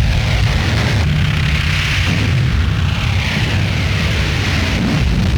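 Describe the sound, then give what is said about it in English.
Heavy, continuous low rumbling with repeated deep booms of bombs dropped by rebel planes on Madrid during an attack with tanks and big guns, dense and loud throughout, with bursts of crackling noise layered over the roar and no voices. “And now the attack, with tank and big gun as rebel planes drop bombs upon Madrid, while government defending planes wheel and dive to repulse the raiders.”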